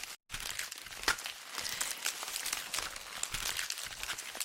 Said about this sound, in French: Ce bruit, lui-même crépitant et savoureux, est celui des feuilles du bananier.